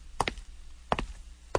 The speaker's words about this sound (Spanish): ¡Ey! Es a ti, joven. Tocan a tu puerta.